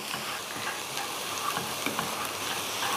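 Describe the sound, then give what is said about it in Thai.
Garlic sizzles steadily in hot oil in a pan as it is fried until golden for Chinese olive fried rice, a dense crackling hiss with small pops scattered throughout, moderately loud, with no one speaking. “เอาละค่ะน้ำมันร้อนแล้วก็ใส่กระเทียมได้เลยเจียวพอเหลืองแล้วเดี๋ยวเราก็ตามด้วยเม็ดหนำเลียบที่เราสับ”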